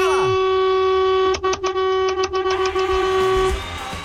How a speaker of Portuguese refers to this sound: Olha o buzinaço